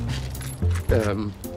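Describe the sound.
A short metallic jangle of keys rattling as they change hands, brief bright clinks, with a voice speaking over part of it.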